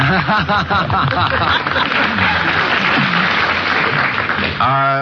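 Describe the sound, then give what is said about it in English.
Steady, loud applause led by the Master of Ceremonies marks the 5th anniversary of the show Information, Please, a dense wash of clapping that carries on for several seconds, with laughter and voices mixed in over it. “And as long as nobody else seems to be doing it, the Master of Ceremonies will now applaud.”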